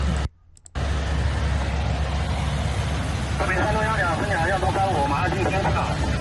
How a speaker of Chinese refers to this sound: 你这是在飞机上吗？亲爱的，你这是在飞机上吗？